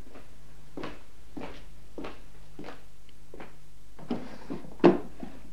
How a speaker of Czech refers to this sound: Mohu otevřít zásuvku v psacím stole? Samozřejmě.